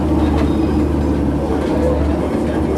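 A tram rumbles steadily along an embedded asphalt track, a continuous low, heavy drone with faint rattling on top, fairly loud throughout with no one speaking; the asphalt reflects the sound upward differently than a regular ballasted track.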